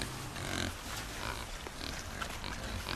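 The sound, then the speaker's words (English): Pigs snuffle and grunt as they root around in woodland, a steady run of low, rough snorts and rooting noises over a soft outdoor background. “Hey, boys, look, they're snuffling around. Have they started truffling already?”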